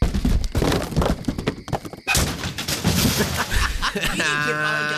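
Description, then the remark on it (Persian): A motorcycle thrown down into a ravine tumbles down the slope with a rapid series of loud crashes and metallic clattering, then settles into a steady high whine. “الان میندازمش تا این دره له بشه عشق کنید، فقط نگاه کنید چه صدایی بده.”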